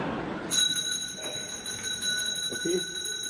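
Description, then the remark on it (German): A bell starts ringing abruptly and keeps going in a steady, shrill, continuous ring that fills the whole clip, loud over faint background noise. “Es läutet.”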